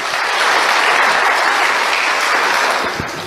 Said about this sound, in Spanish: Demos los aplausos a todos los que están mirando.